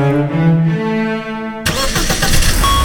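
A car engine starts up: a steady, whining crank for a second and a half, then the motor abruptly catches and roars into a loud rumble.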